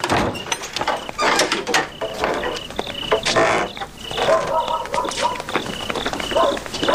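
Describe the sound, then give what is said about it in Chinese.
A door is opened late at night with rattling, clattering movement, fairly loud, while crickets chirp steadily in the background and muffled voices murmur. “哦， 开门，我进来了。”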